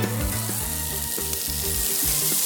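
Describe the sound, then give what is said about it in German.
Pork chops are thrown onto a grill at the Sommertour in Kautz and sizzle with a steady, loud crackling hiss. Dense, high-pitched spattering is layered over low humming tones, continuous with no voices. “Oh, da werden die Koteletts auf den Griller raufgeschmissen.”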